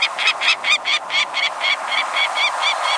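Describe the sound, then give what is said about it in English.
A mid-sized peregrine falcon calls in a fast, steady series of harsh, rasping cackles, about a dozen in a row, loud, with no other sounds around it. “The mid-sized peregrine falcon nests in some locales across the country, but its numbers are greatest in winter, especially near the coasts.”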